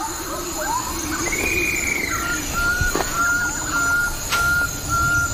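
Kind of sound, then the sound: bird, bird-of-paradise calls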